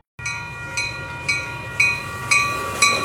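A train rolls along the rails with a steady rumble and a hum, punctuated by evenly spaced clacks roughly every half second, fairly loud, with no voices.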